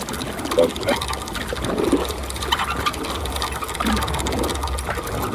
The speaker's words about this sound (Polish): Obstawiam, że jest to jakiś pojazd pływający i mój typ to jest rowerek wodny. Dobrze pan obstawił. Rewelacja. Trochę skrzypią te pedały.